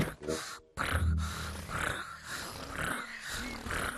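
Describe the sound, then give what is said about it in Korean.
A voice imitates the sound a tiger makes when it is happy, making low rumbling, purring growls and snorts in a steady, rough texture over several seconds, with brief breathy pauses between bursts. “그리고 호랑이 기분이 좋을 때 이런 소리를 내.”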